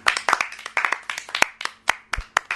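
A group of children claps in quick, uneven bursts of sharp hand slaps, some overlapping and some standing alone, steady and moderately loud with no voices.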